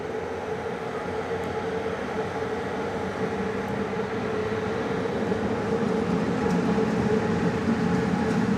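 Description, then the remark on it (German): The Lovken express train to Bar departs Podgorica station, passing the museum locomotive of the Antivari railway, with a steady, dense rumble and a sustained low mechanical hum, holding an even loudness that swells slightly toward the end; no voices are heard. “Der Express nach Bar ist inzwischen abfahrbereit. An der Museumslok der Antivari-Bahn vorbei fährt Lovken nach Bar.”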